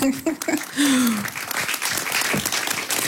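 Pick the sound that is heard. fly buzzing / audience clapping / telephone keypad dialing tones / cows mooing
audience clapping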